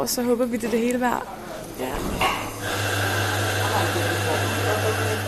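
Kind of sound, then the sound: machine, espresso machine running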